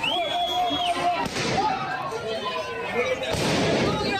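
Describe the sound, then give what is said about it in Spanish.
Police fire a few sharp gunshots into the air to disperse a noisy crowd of protesters in Madrid, one near the start, another shortly after and a heavier burst later, with shouting voices and shrill whistles throughout. “La policía no ha llegado a cargar contra los manifestantes, miembros del grupo neonazi Núcleo Nacional, que estaban lanzando piedras y sillas contra ellos, pero sí que han lanzado disparos al aire y gas pimienta para dispersar a la multitud.”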